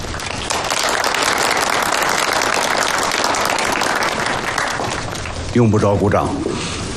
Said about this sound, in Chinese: 用不着鼓掌，仗打得好不好，每个人心里啊都很清楚。